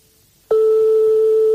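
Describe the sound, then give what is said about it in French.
After a short silence, a telephone ringing tone sounds as a call to a private home goes unanswered: one steady, mid-pitched electronic beep that holds unbroken to the end, with no voices. “Donc, comme on est chez des particuliers, forcément, ça sonne dans le vide longtemps et ça peut tomber sur un répondeur.”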